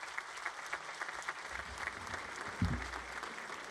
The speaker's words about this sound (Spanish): Quiero también dar la más cordial bienvenida a Monseñor Javier Navarro Rodríguez, obispo emérito de Zamora y que también fue nuestro obispo en esta diócesis de San Juan de los Lagos, a quien pido que le brindemos un fuerte aplauso.